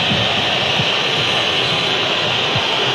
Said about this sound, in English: You can hear the whistles from the Colombia supporters. They don't like this little spell of possession that Uzbekistan has struggled to have, as Isolayev misses out and then tries to have a nibble back at Puerta.